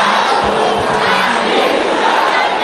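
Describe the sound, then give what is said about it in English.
At a church prayer meeting, the sisters shout with fire: a loud, sustained mass of many voices shouting together, a dense roar of crowd yelling that stays steady and forceful for a couple of seconds with no single voice standing out. “Sisters, can you shout with fire?”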